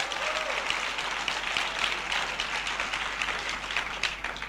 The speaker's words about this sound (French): Applaudissons ce Seigneur qui est un Dieu vainqueur.